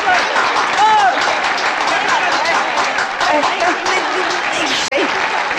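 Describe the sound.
Warm, sustained applause from an audience at the premiere of the feature film Qian Zai Nan Feng, welcoming the veteran performers onto the stage, a dense and steady wash of clapping that stays loud throughout, with voices calling and chattering underneath.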